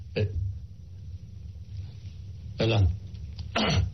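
Three abrupt, breathy sneeze-like bursts, one early and two close together near the end, loud over a steady low rumble, with no talking.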